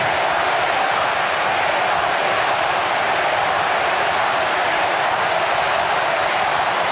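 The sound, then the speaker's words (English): A loud, sustained roar from a huge stadium crowd at a football match involving Brisbane, a dense wall of cheering and shouting that holds steady for several seconds with no single voice standing out and no talk over it. “And listen to the crowd.”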